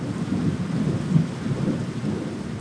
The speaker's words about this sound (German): Das süße kleine Gewitterchen geht.